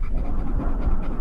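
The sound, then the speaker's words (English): A dog pants rapidly and steadily, a breathy rhythm of quick in-and-out huffs that carries on without pause through the short recording. “Oh, it sounds like my dog after he chases his dog.”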